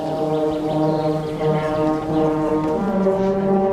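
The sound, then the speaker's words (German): Several hunting horn players warm up under an old oak in the Dodauer Forst before a church service, holding long, loud brassy notes that overlap into a steady chord, with the pitches shifting partway through. No one speaks. “Unter der alten Eiche im Dodauer Forst spielen sich die Jagdhornbläser warm.”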